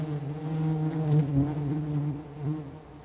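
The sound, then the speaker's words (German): A steady, dense hum of many bees buzzing in front of their hive, a continuous droning swarm with slight wavering pitch and no voices. “Es ist das Summen von Bienen vor ihrem Bienenstock.”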